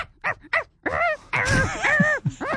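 Two short, sharp barks come first, then a longer run of wavering, moaning howls and whines. All of it is close and fairly loud, with no other sounds behind it.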